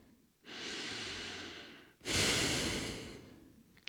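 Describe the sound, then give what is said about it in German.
A slow, deep exhale followed by a fuller, louder inhale, two long breathy whooshes with a brief pause between them and no talking. “Sie hebt den Kopf in die wärmende Sonne und atmet tief aus und tief ein.”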